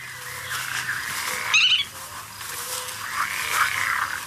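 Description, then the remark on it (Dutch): A black-tailed godwit calls once, a short bright whistled burst, against a steady outdoor hiss of wind and other birds, with a fainter call near the end. “Ja, dat is de grutto.”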